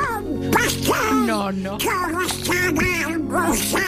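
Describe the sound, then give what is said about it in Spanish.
A raspy, quacking cartoon-duck voice chatters continuously and loudly in garbled, duck-like speech for several seconds, with steady background tones underneath. “creo que habrá muy pocos oyentes que no conozcan la voz de tu padre. Porque tu padre es el Pato Donald”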